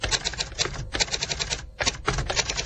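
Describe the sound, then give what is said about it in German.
Rapid, clattering typewriter strikes: each key press swings a long lever whose type bar stamps its letter onto a sheet of paper, snapping in quick irregular bursts with brief pauses, fairly loud, with no voices. “Drückt man eine Buchstabentaste, aktiviert man einen langen Hebel und der stempelt dann den richtigen Buchstaben auf das Blatt Papier.”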